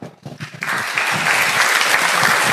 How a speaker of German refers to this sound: Applaus für unsere Kapuziner und ihre Helferlein. Ist wirklich super.